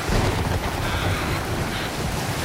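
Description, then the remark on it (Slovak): Heavy sea surf roars continuously with wind buffeting the microphone, a dense, loud wash of stormy waves crashing over a ship's deck and churning as the ship is tossed on the raging sea, with no voices present. “a vlny ako veľké hory sa prevaľovali cez palubu.”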